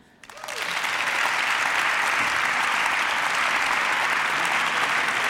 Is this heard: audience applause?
yes